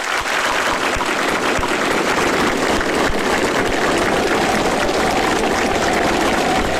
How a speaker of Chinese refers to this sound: 习近平和金正恩对演员们的精彩表演频频鼓掌致意。